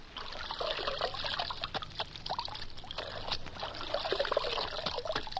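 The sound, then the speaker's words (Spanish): Water is poured onto a horse's legs, pouring and splashing steadily for several seconds, a continuous trickling and spattering with small irregular drips. No one speaks. “Le mojaré las patas.”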